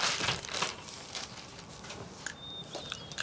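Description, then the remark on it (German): A small plastic bag crinkles and rustles in quiet, irregular bursts of crackling, with no voices, and a faint thin high tone briefly rings near the end. “Und das Tütchen am besten auch noch mitnehmen.”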